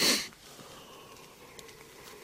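A person yawns nearby: a quick, breathy rush of air that fades into a faint, drawn-out tail in a quiet room, with no talking.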